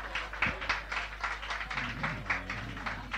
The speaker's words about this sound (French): J'espère que vos applaudissements vont lui aller tout droit là-haut.